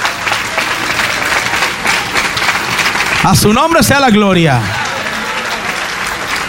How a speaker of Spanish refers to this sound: ¿Cuánto le damos un aplauso, hermanos, al Señor por ello?